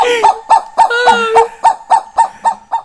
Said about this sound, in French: Eh oui, c'est l'oiseau du pays, l'oiseau du pays. L'emblème du pays, le cagou. Cagou. Oh là, il est un peu fatigué, le cagou.